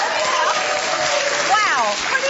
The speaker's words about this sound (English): In case if you couldn't hear at home, basically universally everybody yelled, "Drink it!" What a crowd.